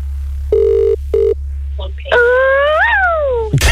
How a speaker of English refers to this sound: This is your phone ringing now, please do what you got to do.